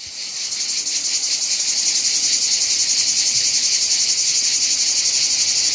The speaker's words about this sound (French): La cigale, c'est le son de l'été, n'en déplaise aux stars de la pop et aux disquaires. C'est grâce à elle qu'on se sent définitivement en vacances, verre de rosé à la main, glace ou sorbet dans l'autre.